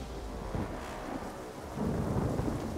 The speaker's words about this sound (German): Die Ereignisse überschlagen sich, das Wetter schwenkt um. Starkregen, Steine, Hagel prasseln auf die Helfer nieder.